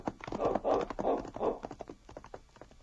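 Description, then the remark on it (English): Horse hooves clip-clop in a steady, rhythmic trot as Sergeant Preston rides along the trail toward Bear Creek, a series of bright, hollow knocks that are loud at first and then grow fainter toward the end. “As Sergeant Preston rode along the trail toward Bear Creek after leaving the constable in the mysterious cabin, the thought that had come into his mind was still uppermost.”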